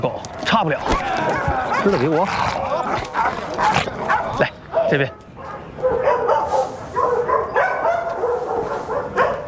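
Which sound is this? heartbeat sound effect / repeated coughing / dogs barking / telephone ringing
dogs barking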